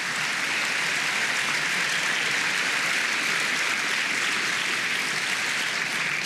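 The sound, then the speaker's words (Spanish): A crowd claps hands for the Lord in a steady, dense wash of applause that holds at an even, fairly loud level throughout, with no voices standing out above it. “Oh, dele palmas al Señor, dele palmas, dele palmas.”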